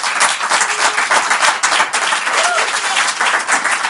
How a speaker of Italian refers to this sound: Se vi va, gli facciamo un applauso se ci stanno ascoltando.